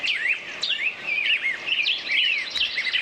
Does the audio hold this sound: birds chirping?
yes